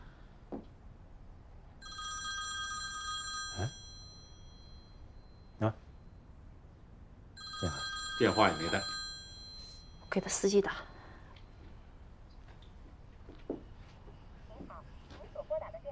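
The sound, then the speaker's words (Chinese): A telephone rings in two bright, trilling bursts of a second or two each, separated by a pause, as a call goes to a phone its owner left behind. Brief bits of talk and a few soft knocks fill the gaps. “还真不在，我打电话，电话也没带”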